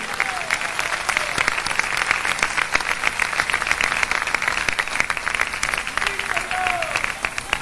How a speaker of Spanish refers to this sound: Si ese aplauso es para el Señor, dénselo como Él se lo merece.